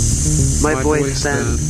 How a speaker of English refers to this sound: Sometimes I record this dead air. It records me back. And sometimes it records me back. My voice then, the soft hiss of room tone.